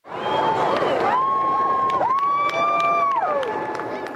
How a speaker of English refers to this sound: A good crowd showed up at the legislature as the iconic military flight team conducted a series of ceremonial flyovers over central Edmonton.